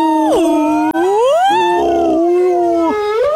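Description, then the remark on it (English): A person imitates a humpback whale call, a loud, continuous moaning tone that swoops down, rises slowly, then wavers and climbs again, with one brief catch of breath. “So if you can make a pretty convincing humpback sound, like, do a bit of that.”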